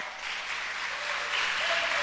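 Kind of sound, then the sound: crowd, audience applause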